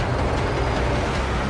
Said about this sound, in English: The vehicles draw closer.